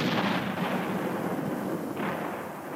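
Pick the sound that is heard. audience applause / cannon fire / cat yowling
cannon fire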